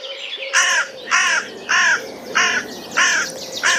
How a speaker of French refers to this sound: Il fait un drôle de cui-cui. Celui-ci lance un à elle d'une voix intriguée. Et pour cause, l'oiseau s'agite sur la branche d'un vieux chêne.